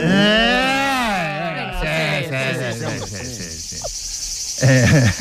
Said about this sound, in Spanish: Veraniego. Grillo. Chicharra.